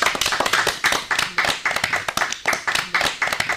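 A group claps hands together in a steady, fairly loud burst of applause, the claps landing in a loose rhythmic pattern for a few seconds with no talking.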